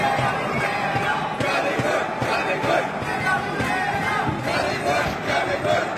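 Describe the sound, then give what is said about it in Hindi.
A large stadium crowd of Indian badminton fans chants together in a loud, continuous roar of many voices, rhythmically shouting "Pullela Pullela" and "Jolly good", rising and falling steadily for several seconds with no single speaker standing out. “बार बार stadium Pullela Pullela, jolly good के नारों से गूंजता।”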